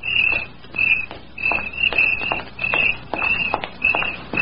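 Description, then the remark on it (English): Steady footsteps of a woman walking home at night crunch along at an even walking pace beneath a continuous chorus of shrill, pulsing cricket chirps, with no voices. “He knew she would walk home that night, and he waited in a clump of weeds until he heard her footsteps.”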